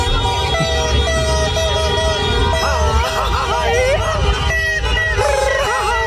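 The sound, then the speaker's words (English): Loud, dense street noise right outside Team Ecuador's hotel in the middle of the night: car horns blaring and overlapping in sustained, wavering tones, drums and fireworks in thumping, crackling bursts, over a constant din of crowd voices, all continuous. “Drums, fireworks, car horns.”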